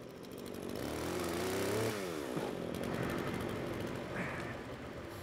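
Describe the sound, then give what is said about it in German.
A chainsaw cutting the tops off trees in a small woodland as a precaution. The engine revs up to a steady high whine, then drops and bogs down as it bites into wood, continuing to growl and sputter loudly with no voices present. “Mit der Motorsäge kann er auf jeden Fall besser umgehen als ich.”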